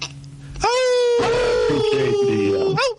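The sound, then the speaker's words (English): A person imitates a wolf howl as a greeting to a caller on an ESPN radio call-in show: one long, loud, wavering wail that rises sharply, holds a steady mid pitch for about two seconds, then trails off, with faint talk and noise underneath. “They said they always howl for you, right”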